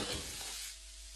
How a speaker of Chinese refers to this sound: 翁旭将分好的鸡块下锅，热油翻炒。待鸡肉中脂肪分解的油脂香气扑鼻时，立刻加水锁住香味儿。